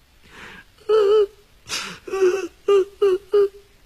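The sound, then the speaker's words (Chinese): A voice imitates a woman crying: a breathy intake, then about five short, high, quavering sobs in quick uneven succession, fairly loud, with no words. “当他停住脚步，凝神注目，仔细观察四周的功夫，忽然听见从那正殿里边传出来有女人的哭声。”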